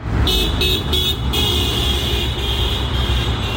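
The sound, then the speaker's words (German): Steady Friday-morning street traffic at the market square in St. Gallen, after daybreak, with commuters waiting for the bus: a low engine rumble and passing cars, plus a sustained high tonal whine, like a bus or brakes, continuing throughout. No one speaks. “Draussen ist es mittlerweile hell geworden und beim Marktplatz haben die Pendlerinnen und Pendler auf den Bus gewartet, um zu arbeiten oder in die Schule.”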